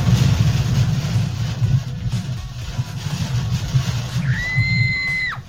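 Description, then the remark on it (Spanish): Heavy rain pours in Placeres in a steady, dense hiss over a low rumbling drone, and a sustained high-pitched squeal rises briefly near the end. “¡Uy, cómo llueve!”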